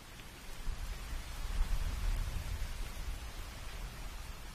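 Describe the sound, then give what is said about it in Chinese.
Steady rain falls in a continuous hiss with no voices, while a deep low rumble of distant thunder swells slightly in the middle before settling back under the downpour. “仔细听，有没有听到雨声？远处好像还有雷声。”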